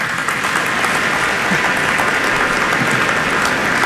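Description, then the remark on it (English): A crowd breaks into steady, sustained applause for the polymer industry cluster, a dense wash of many hands clapping at once that stays loud and even for several seconds with no voices standing out. “That deserves a clap.”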